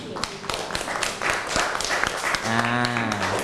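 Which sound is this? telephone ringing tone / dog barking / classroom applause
classroom applause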